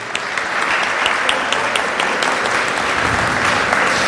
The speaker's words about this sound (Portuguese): Vamos aplaudir, gente. Você faz parte do Instituto Canção Nova. Aplauda a pessoa que está do seu lado.